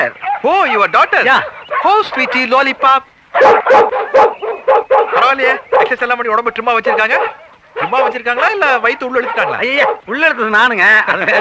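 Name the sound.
large dog barking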